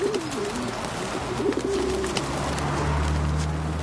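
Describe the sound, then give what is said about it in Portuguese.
Pigeons coo in low, throaty bursts over a steady background rumble, several soft calls repeating with no voices present. “Na sociedade dos pombos, o tamanho realmente importa.”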